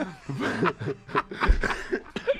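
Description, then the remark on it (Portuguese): An old man's wheezy chuckle breaks into a few rough, breathy coughs, fairly loud, the bursts coming in an uneven rhythm with no talking. “Agora, depois da risada, veio a tosse do velho.”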